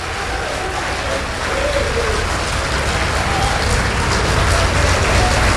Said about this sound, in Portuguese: Então desocupe as mãos e dê para esta palavra a melhor salva de palmas que você já deu em toda a sua vida. Isso, vai aplaudindo.